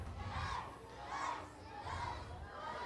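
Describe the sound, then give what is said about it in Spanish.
A crowd of children shouting together in loud, rhythmic bursts, roughly four swells of massed yelling rising and falling like a chant, energetic with a constant roar underneath. “Dice que no gritan fuerte.”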